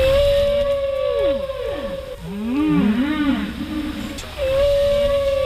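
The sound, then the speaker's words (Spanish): Long-finned pilot whale calls, heard underwater in a strait: a series of tonal whistles sliding up and down, with a burst of buzzy, pulsed sounds in the middle, over a steady low background hum. “El ruido que hacen está ocasionando que las ballenas piloto tengan que encontrar otras formas de comunicación. ¿Cómo? Pues hablando más alto.”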